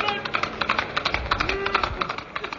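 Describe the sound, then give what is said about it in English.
Horse hooves clip-clop in a quick, steady rhythm of sharp knocks, moderately loud, with a faint tonal backing underneath throughout, for the Lone Ranger's white horse Silver. “A white horse and a cry of hey-ho, Silver.”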